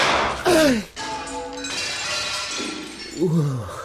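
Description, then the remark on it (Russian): A loud gunshot crack shatters a giant inscribed trophy cup into shattering and tinkling debris, a lighter ringing follows, then a second crash near the end, with brief vocal exclamations riding over the impacts. “Что, вы могли бы поздравить меня с хорошим выстрелом?”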